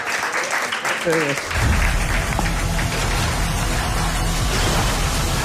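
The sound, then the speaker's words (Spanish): A live audience breaks into steady applause of thanks that swells after a brief moment of talk, the dense clapping loud and continuous until the end. “Y el aplauso gracias del público.”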